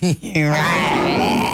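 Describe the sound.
A person imitates a lion's roar with a voice: a brief grunting burst, then one long, loud, rasping growl held for over a second before easing off.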